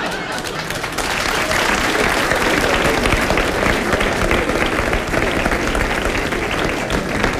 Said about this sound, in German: zum Applaus, entweder ganz oder gar nicht